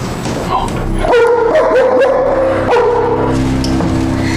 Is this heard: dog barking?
yes